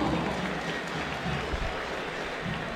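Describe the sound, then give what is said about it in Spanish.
Light, scattered applause from a stadium crowd for player Lautaro Rivero, announced with the number 13, a steady wash of clapping that holds at an even, modest level throughout without whistles or cheering peaks. “Poquito para Rivero, pero sin silbidos.”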